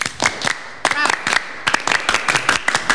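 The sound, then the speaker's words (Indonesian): A Pramuka scout clap chant ('tepuk pramuka'): sharp, rhythmic handclaps in quick groups with short pauses between, fairly loud and steady, with a brief burst of voice partway through. “Sekali lagi, tepuk pramuka.”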